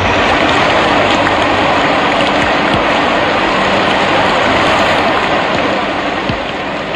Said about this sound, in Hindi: एक बार की बात है, रात्रि का समय था, घनघोर वर्षा हो रही थी।